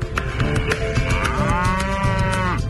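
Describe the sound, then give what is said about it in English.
Several cattle moo over one another in long, overlapping low calls, one rising into a drawn-out harmonic bellow, with steady splashing and shuffling noise underneath as the herd plunges through the water of a dam at Glonyasi in the Nandom North District. No one speaks. “Hundreds of cattle plunge into the dam daily, splashing through the water.”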